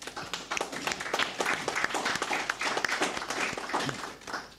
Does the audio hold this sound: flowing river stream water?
no